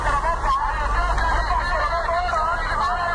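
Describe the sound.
Steady crowd babble fills a busy street market where vendors sell vegetables such as apricots and onions, with the continuous low rumble of passing car traffic underneath and many overlapping voices, none standing out, at a fairly loud, constant level throughout.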